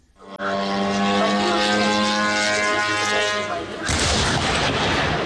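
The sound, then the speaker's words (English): A Ukrainian drone's engine drones loudly and steadily for several seconds, then a sudden loud explosive crash bursts in as it crashes into a Russian retailer's warehouse in Elektrostal, 60 km east of Moscow, followed by harsh, rumbling blast noise that continues to the end. “In the city of Elektrostal, 60 kilometres east of Moscow, a Ukrainian drone crashes into a warehouse of the Russian retailer wild breeze. The explosions and resulting fires, which burnt for 3 days, so large they could be seen from space,”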